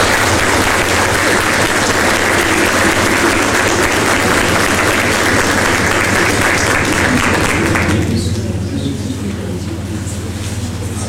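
A church audience of the Santa Cruz parish claps together after a child's baptism in a long, dense burst of applause that holds steady for about eight seconds, then thins and fades, with a low steady hum underneath throughout.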